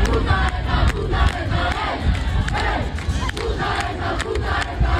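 A large crowd chants "Puta ETA" in unison while smashing a car, a loud, dense roar of many voices with rhythmic bursts and occasional sharp cries running through the whole stretch.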